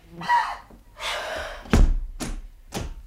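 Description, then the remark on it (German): A door in an apartment swings with a rushing whoosh, then slams shut with a heavy thud, followed by a couple of sharper knocking clicks as it is locked. No one speaks. “Was schmeißt dann die Tür so zu und schließt ab?”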